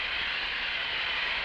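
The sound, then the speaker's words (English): A steady, loud hiss of hot steam blasting without a break onto Mylar plastic film to test its strength at high temperature, a broad rushing noise concentrated in the upper-middle range, with no voices over it. “Well, let's keep a blast of hot steam on it and see.”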